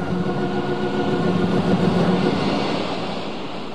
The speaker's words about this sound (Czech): Předu se dno řečiště prudce propadalo o 30 metrů a voda se řítila dolů neovladatelnou silou. Ještě kilometr a člun by byl býval stržen do propasti.